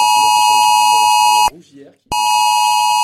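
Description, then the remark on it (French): A loud, harsh mobile phone emergency alert tone blares in two long bursts separated by a brief gap, with a voice speaking faintly underneath; an alert received on residents' phones around 3 a.m. in communes near Bordeaux, France, such as Saint-Médard-en-Jalles. “C'est aux alentours de 3 heures cette nuit que les habitants ont reçu 7 alertes sur leur téléphone.”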